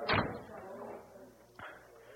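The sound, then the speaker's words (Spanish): A door is shut with a loud thud that rings out briefly, followed about a second and a half later by a second, softer knock, with faint murmuring in the background. “Cierren esa puerta y retiren a esa gente.”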